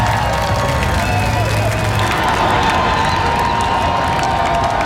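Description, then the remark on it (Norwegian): A huge outdoor crowd of tens of thousands on Slottsplassen cheers and applauds continuously as the men's national team, the World Cup heroes, walk out with the guard lined up. It is a dense, loud wash of clapping and shouting voices with whistles rising through it, steady for the whole stretch. “Gående samlet ut på Slottsplassen til jublende applaus og garden oppstilt, fikk VM-heltene endelig møte folket som har heiet dem frem.”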